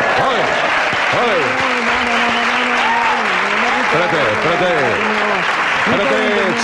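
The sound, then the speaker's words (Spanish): During a staged funeral scene, a crowd applauds steadily and loudly for the whole stretch, a dense wash of clapping, while several voices talk and call out over it. “En un entierro no se puede aplaudir.”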